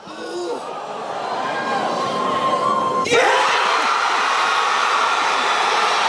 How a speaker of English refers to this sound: That's crazy because it's like they're revealing a person, but then it's like a sort of football cheer at the end there.